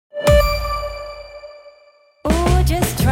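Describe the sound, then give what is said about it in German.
A doorbell rings once with a clear, bright chime that hangs in the air and slowly fades, then a busy, louder burst of other sound cuts in abruptly. “Jetzt lernen, bevor es klingelt.”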